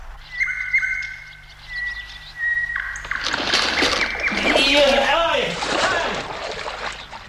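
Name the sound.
nightingale song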